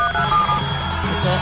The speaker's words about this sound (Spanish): ¿Dónde está el efecto especial acá? Ahí sí. Teléfono.